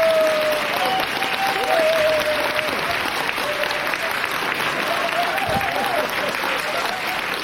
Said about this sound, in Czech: Potlesk.